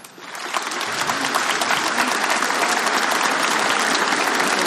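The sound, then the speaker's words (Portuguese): A large crowd at a Mass bursts into sustained applause, each person applauding the one beside them for coming, building quickly in the first half second and then holding steady as a dense, loud wash of clapping with no voices standing out. “Então olha para essa pessoa do seu lado, aplaude ela porque ela veio.”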